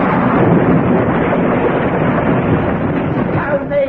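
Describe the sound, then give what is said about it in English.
A loud, continuous crunching roar as an admiral's barge and a captain's pinnace, adrift from their moorings in a harbour, are smashed to pieces, a dense rumbling churn with no pauses that holds steady for several seconds before easing slightly at the end. “Admiral's barge and captain's pinnace adrift from their moorings. And now in tiny, tiny bits.”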